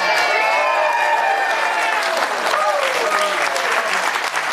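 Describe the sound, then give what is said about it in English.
A crowd at a police event boos Mamdani off stage: a loud, steady roar of voices booing and jeering, with sustained vocal tones rising and falling over a dense wash of noise that never lets up through the whole stretch. “I'm not sure if you saw this, but Zora Mamdani got booed off stage at a police event, right?”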